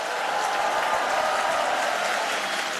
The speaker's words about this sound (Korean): 네, 할렐루야, 더 크게 박수 보내주시죠.